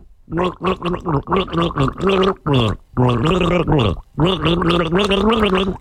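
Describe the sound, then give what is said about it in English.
Someone gargles a swig of water to the melody of a song for a guess-the-group quiz, the bubbling voice rising and falling in pitch through a series of short gurgled notes followed by longer sustained ones, loud and with no talking. “Swig of water is happening in the mouth.”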